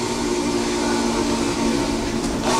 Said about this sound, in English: To recreate the sonic magic of the 576's whistle, Alex Mullen spent 6 months building it with video game software and a flight simulator throttle. And I think it is the most accurate whistle simulator anyone's ever made digitally.